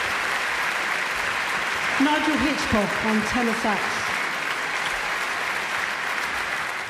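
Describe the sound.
Steady, dense applause from a large audience for the soloists of the Hamburg Radio Big Band, trumpeter Ingolf Burkhardt and saxophonist Nigel Hitchcock, fills the whole stretch, while a man's voice briefly announces something over the clapping in the middle.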